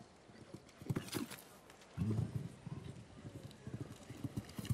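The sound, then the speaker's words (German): Horse hooves galloping over turf during a show-jumping jump-off, a steady rhythmic drumming of heavy thuds, fairly loud, with a stronger burst of strides midway through. The horse covers nearly 5 meters per gallop stride. “Und das Pferd hier macht sich fast 5 Meter lang in der Galoppade.”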